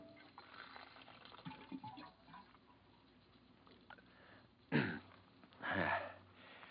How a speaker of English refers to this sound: Hang up your hat and go over to the water cooler for a drink.